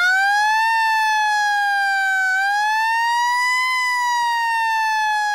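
A loud, steady volunteer firefighters' siren wails alone, its pitch rising and falling slowly in long sweeps. It's continuous, with a rich stack of harmonics and no voices.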